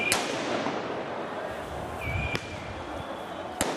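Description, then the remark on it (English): Three sharp bangs of tear gas canisters, fired by police in Paris to disperse high school and university student protesters, ring out at irregular intervals over a constant roar of crowd noise outdoors, with a brief high whistle just before the second bang. “Police in Paris have used tear gas and water cannon to disperse high school and university student protesters.”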